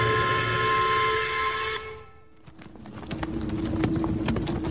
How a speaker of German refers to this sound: Ich muss an meine erste Reise zu Draculas Schloss denken. In einer Kutsche. Über holprige Wege.